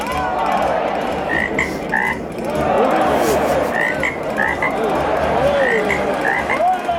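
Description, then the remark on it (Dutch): A chorus of frogs croaks steadily, with repeated short calls overlapping against a dense, noisy background of other calls throughout. “En die vraag is vandaag: natuurbeschermers in Nederland maken zich zorgen over wat voor kikker?”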